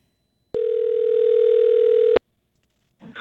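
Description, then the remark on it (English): A single steady ringback tone of an outgoing phone call hums for about a second and a half, clear, then cuts off; a voice begins faintly right at the end. “Will there be a ring? Gonna ring.”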